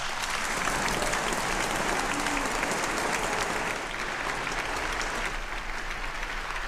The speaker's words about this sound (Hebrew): מחיאות כפיים.